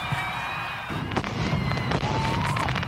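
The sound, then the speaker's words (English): Fireworks going off at dusk at Columbus Field in a steady barrage, with sharp cracking bursts overlapping thin whistling streaks that glide in pitch, all fairly loud and continuous against a rumbling background. “Performances begin at 7, followed by fireworks at dusk.”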